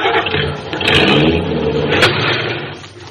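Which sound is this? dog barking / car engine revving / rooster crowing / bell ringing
car engine revving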